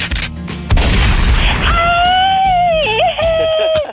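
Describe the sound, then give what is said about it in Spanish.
A sharp, loud gunshot sound effect bursts out early, followed by a long, drawn-out wailing cry from a voice that rises and wavers until the end. “¿Se acuerda de la que recibe los balazos,”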